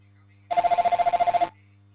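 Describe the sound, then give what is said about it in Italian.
A telephone bell rings once in a rapid, trilling burst lasting about a second, loud, as the receiver is lifted to take a live phone-in call, then cuts off abruptly, leaving only a faint low hum. “Come alzo, sentite, alzo il telefono, eccolo.”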